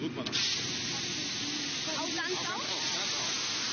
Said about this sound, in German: Sie dreht das Rad am schwarzen Hohlstrahlrohr. Der Wasserstrahl weitet sich. Feine Wassertropfen wirbeln durch die Luft. Ein Sprühstrahl.